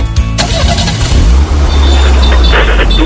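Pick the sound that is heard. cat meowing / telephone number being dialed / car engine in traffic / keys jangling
car engine in traffic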